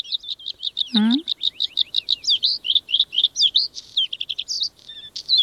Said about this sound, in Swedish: Ja, jag gillar blåhaken till exempel. Det är en väldigt vacker sång, brukar ju även kallas förr i tiden för fjällens näktergal, så att den är ju känd för att kunna sjunga vackert. Vi har en sån här.